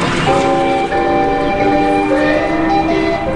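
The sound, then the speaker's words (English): Pinball machine bells ring loudly and continuously at a Pennyland pinball arcade on Royal, several bright metallic tones overlapping and sustaining into a dense, shimmering clang with no voices present. “And you'd hear the balls bouncing off the thumper bumpers and the bells ringing, fun for all.”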